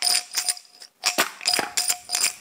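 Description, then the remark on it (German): An old jam jar holding small glass shards, lid closed, is shaken in quick bursts, giving a bright, clinking rattle that repeats about six times in a loose rhythm, fairly loud. “Ist doch eine super Glasrassel.”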